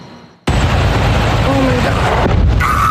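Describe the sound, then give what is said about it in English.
After a brief quiet moment, a massive car explosion near Highway 87 outside Phoenix, Arizona, bursts in with a sudden, loud boom, followed by a sustained, heavy roaring rumble that continues to the end; the explosion sparked a wildfire. “This morning, a massive car explosion caught on camera, sparking a wildfire in Arizona.”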